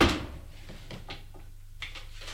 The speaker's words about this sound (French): Il essaye les clés pour ouvrir un tiroir. Le tiroir s'ouvre.